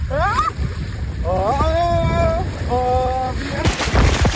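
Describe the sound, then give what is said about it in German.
A rush of water splashing and roaring steadily during a ride down a swimming-pool water slide with a curve in the Primavera-Land area, gaining speed, with a voice letting out several gliding, wavering whoops and exclamations over it, then a louder splash at the end. “Ich durfte 3 Rutschen mal testen für Radio Primavera.”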